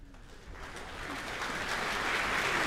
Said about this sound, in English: That's applause for the New Zealand Symphony Orchestra's concertmaster, Vesa Matti-Lepponen. He'll be tuning the orchestra before tonight's concert begins.